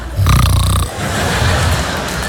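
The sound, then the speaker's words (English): A man passed out in the front row of a theater audience in New York gives a loud, rasping snore, one long drawn-out breath followed by a softer, rattling continuation, with no talking over it. “Ideally, there wouldn't be a dude passed out in the front row.”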